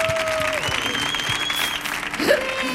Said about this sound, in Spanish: Mire, fuerte el aplauso para Vicente Bosé.